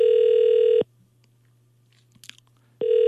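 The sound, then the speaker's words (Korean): A phone's outgoing ringback tone as a Far East Broadcasting (극동방송) radio program calls a listener from a landline: a steady electronic beep sounds, stops for about two seconds of near silence with a faint brief rustle, then starts again, loud. “왜 전화를 안 받으시지?”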